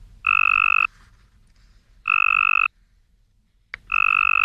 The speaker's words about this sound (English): To the human ear, not much difference, but to a Cope's gray tree frog, the first one sounds strong and healthy, everything a lady frog is looking for in a mate.